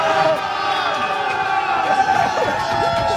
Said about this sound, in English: Ecstatic, man. You can see the vibes. Everyone's happy. Let's go. We can't quite see what happened there, but there's a lot of cheering happening, and this is the vibe. And this is just the outside,